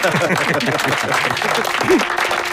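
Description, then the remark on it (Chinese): A group of people claps steadily for a couple of seconds after being asked to applaud a speaker, a dense, continuous patter of hands with a few voices faintly mixed in underneath. “不是，那我讲的这么好，你们没有一个人鼓掌。”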